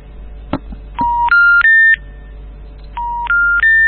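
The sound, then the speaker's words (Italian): A mobile phone network error tone, from a phone with no signal, three rising electronic beeps in quick steps, plays twice. It is loud and clean with a brief click before it and no one speaking. “Questo è il tuo cellulare che non prende.”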